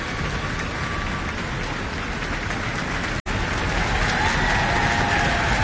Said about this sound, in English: taking a bow and receiving applause from her colleagues in the orchestra.